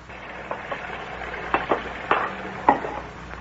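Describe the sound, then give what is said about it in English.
Dishes being washed and dried at a sink: a steady wash of running water with a handful of irregular clinks and clatters of crockery, and no one speaking. “It's such a pleasure to do the dishes when somebody is drying them.”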